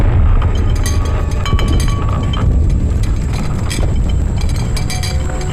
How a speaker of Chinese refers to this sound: 外面炮声隆隆，都听见了吧？